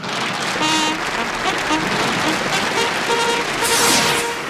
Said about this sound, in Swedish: och han är värd en lite större fanfar med applåder.